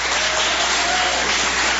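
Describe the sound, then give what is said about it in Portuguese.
An audience claps hands together to glorify God, a dense, steady wash of applause, loud and continuous with no voices standing out above it. “Podeis assentar, assentando palmas que glorificam a Deus.”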